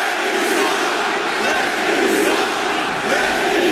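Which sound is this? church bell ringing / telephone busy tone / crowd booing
crowd booing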